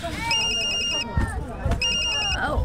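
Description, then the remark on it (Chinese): A phone rings in two short bursts of rapid, high electronic trilling separated by a brief pause, clear, with faint background chatter and clatter underneath. “哎呦，啊，这电话安尼时间哦，哦，发达这么多，啊，手两手拢物件是要安怎接啦？”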